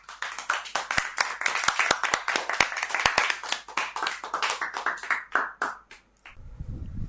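A group of children claps together in a burst of fast, uneven applause that carries on for about six seconds, then stops abruptly, leaving a low rumble.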